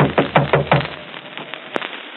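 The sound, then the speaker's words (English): Four quick, firm knocks on a bedroom door in a steady rhythm, followed by a few fainter taps and one sharp rap, with no voices. “Better knock harder.”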